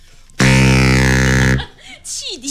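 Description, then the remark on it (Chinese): A ship's steam whistle gives one loud, steady blast lasting just over a second, deep and rich in overtones. Softer swooping, bending tones follow after it cuts off. “汽笛响 啊，对对对，汽笛响。”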